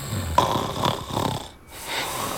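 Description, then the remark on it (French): A father asleep on the living room couch snores, a few rasping, wheezy snores in quick succession with a brief pause before the next breath, and no talking. “la bave des adultes qui roupillent. On dirait des gros chamallows qui se gonflent en ronflant.”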